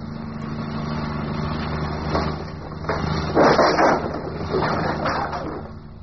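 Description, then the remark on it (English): A car engine runs with a steady low drone as the car is driven, punctuated by a few louder, rougher surges of noise partway through, with no voices. “Oh, come on, car. Come on. Don't let me down now.”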